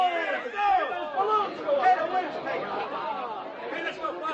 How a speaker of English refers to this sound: The crowd is growing wild.